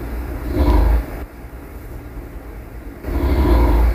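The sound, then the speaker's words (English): A man snores loudly at 2 a.m. in a shared hostel room, two harsh, rumbling snores separated by a quieter pause of about two seconds, with no talking. “This was his snoring at 2 a.m.”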